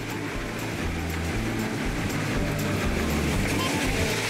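Two Czech locomotives of classes 434 and 423 labor steadily as they haul a train uphill into the wintry Ore Mountains in fine weather, a continuous loud rumble with a dense, rhythmic low-end pulse and a constant wash of mechanical noise.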